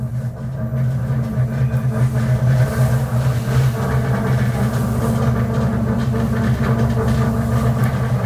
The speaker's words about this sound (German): Kommt hier irgendwie aus dem Boden von dem Zug.